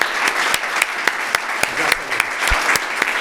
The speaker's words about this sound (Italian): Bravo, un applauso a tutti voi.